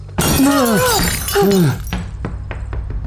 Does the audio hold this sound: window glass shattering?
yes